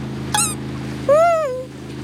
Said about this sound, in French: Tiens, voilà un bateau à moteur. C'est un bateau de pêcheurs.